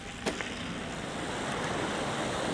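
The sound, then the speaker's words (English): The Utakura River, west of Okaiho, burbles and gurgles in a steady, continuous rush beside a cycle trail under a canopy of native bush, moderately loud, with a brief tap near the start and no voices. “It burbles and gurgles beside us as we ride under a canopy of native bush, the trees so plump with leaves we have to flip our sunglasses up from our eyes to see.”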